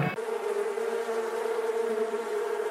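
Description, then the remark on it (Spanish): Bees buzz steadily around a small hive box that a beekeeper has set on the ground so the bees enter it on their own, a dense, continuous, fairly loud drone with a layered hum that holds without pause. No voices are heard. “Mire, no, la deja en el piso la cajita para que las abejas solitas se metan en la caja, ¿vio?”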